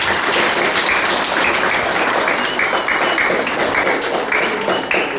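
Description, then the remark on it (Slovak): Loud, sustained audience applause for a third-place prize winner fills the whole recording, a dense wash of many hands clapping at once without pause, steady from start to finish. “takže ešte jeden veľký aplauz”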